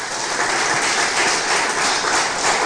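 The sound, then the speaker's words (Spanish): An audience claps steadily for the Heavenly Father throughout, a dense, even wash of many hands at a fairly loud level, with no voices breaking through the sustained applause. “Otro aplauso, por favor, al Padre Celestial.”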